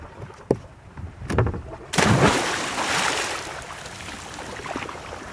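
A sudden, loud splash as a woman jumps into cold water, followed by several seconds of churning, sloshing water that slowly settles, with a few faint knocks beforehand.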